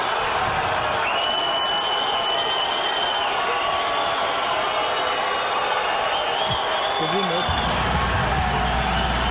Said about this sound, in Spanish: Y luego después dice Neymar y todos se vuelven locos y escucha. Mateus Cunha, Manchester United. Oye, ahí nada de ruido. Neymar Junior Santos. Y se queda callado Ancelotti dejando que la gente grite.